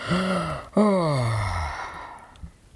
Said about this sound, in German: Rollte sich ein in sein Schlafkörbchen und gähnte lang.